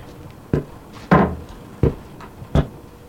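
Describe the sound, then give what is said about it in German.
A door opens with a series of four sharp wooden clunks and rattles, spaced unevenly over a few seconds, against a quiet background with no talking. “Einfach durch die Tür da hinten.”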